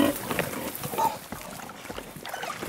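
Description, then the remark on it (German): Porc Negre pigs, kept outdoors nearly their whole lives, grunt and snuffle in a string of short, rough bursts over a steady outdoor hiss, with one slightly louder grunt near the start. “Seine Schweine verbringen hier draußen nahezu ihr ganzes Leben.”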